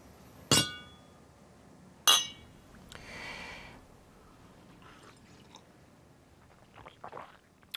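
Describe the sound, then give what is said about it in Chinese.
Two glasses clink in a toast: two bright clinks ring out a second and a half apart, each sharp and loud with a brief shimmering ring, followed by quieter soft rustles and small knocks. “敬你南方佬的魅力。”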